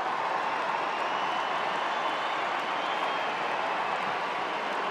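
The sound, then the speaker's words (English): A large stadium crowd at an NRL rugby league match cheers, getting behind Hugo Savala as he lines up a kick at goal, in a steady, unbroken roar, a dense wash of many voices and some clapping holding the same loud level for the whole five seconds, with no clear speech. “The crowd getting behind him, taking his time, moves in, hits this one, and he drags it across the face.”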